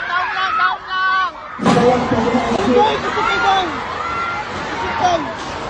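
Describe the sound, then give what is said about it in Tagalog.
Many young voices of students cry out and shout at once in a loud, chaotic crowd as they evacuate their classrooms during an earthquake at Demolok Valley National High School, with a sudden heavy thud or rumble about a third of the way in, followed by continuous panicked yelling and wailing. “Iyakan at sigawan din ang pumalakaw sa Demolok Valley National High School habang nagsisilikas palabas ng kanilang mga silid sa gitna ng lindol.”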